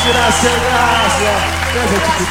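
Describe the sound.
A dense, steady wash of audience applause with loud, continuous clapping, mixed with murmuring and calling voices from the crowd throughout.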